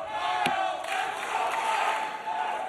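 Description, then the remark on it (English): A crowd at a sporting contest, its allegiance split down the middle, cheers and roars in a steady, dense wash of voices, loud and sustained throughout, with a brief sharper burst of noise near the start. “And you hear the crowd, the allegiance kind of split right down the middle.”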